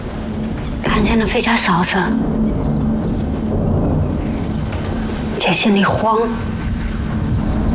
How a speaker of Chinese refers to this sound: 俺看外面现在打雷打闪的，恐怕要下雨了。